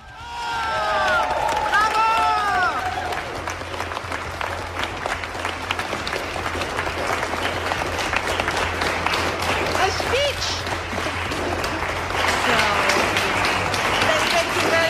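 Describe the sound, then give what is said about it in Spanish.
A large audience bursts into sustained applause for Nobel Peace Prize winner Navi Pillay, dense clapping throughout, with scattered cheers and whistles rising near the start and again toward the end. “Si aplauden un poco más, puede que comparta el premio con Trump.”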